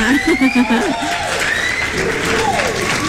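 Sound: applause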